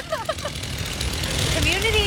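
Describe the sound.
A chainsaw roars steadily as a man bucks a fallen tree to help clear a road lane, loud, its engine buzzing continuously with a gritty rumble. Brief voice-like sounds break through at the start and again near the end.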